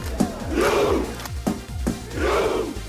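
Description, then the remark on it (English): Norway football fans on Miami Beach, ahead of a World Cup quarterfinal against England, perform the Viking chant: sharp unison claps and drum thuds alternate with two long, loud massed shouts whose pitch rises and then falls. “England and Norway fans have been partying together here on Miami Beach ahead of tonight's World Cup quarterfinal, with the Norwegians even performing their famous Viking row.”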